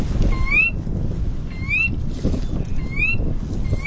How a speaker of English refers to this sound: That's a Sora rail, a small bird about the size of a robin. It's one of many different kinds of rails.